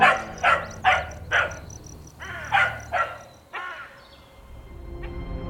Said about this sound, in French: et le chien qui aboie.